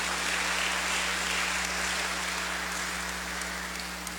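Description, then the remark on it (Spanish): A dense, steady wash of audience applause at a church Mass, for a man giving thanks for turning 90: many hands clapping together without a break for about four seconds, fairly loud and even throughout, with no voices over it. “Ahí está nuestro hermano, démosle un fuerte aplauso también.”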